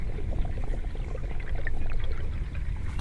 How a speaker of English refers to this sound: So the river sounds, I'd say I'd associate it with the sound of a breeze. The river speaks, you hear the waves, the roar of the wind in the leaves of the trees, the breeze in the reeds, a fragile sound, murmuring